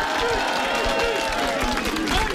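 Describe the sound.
Steady applause from an audience, a dense wash of many hands clapping at an even loudness, with crowd voices and murmur mixed in throughout.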